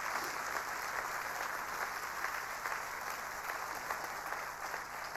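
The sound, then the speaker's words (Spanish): A crowd claps steadily and loudly for several seconds, a dense, even patter of many hands with no voices rising above it, applauding louder after being urged to clap harder. “Vamos, aplauda más fuerte porque esto tiene sentido.”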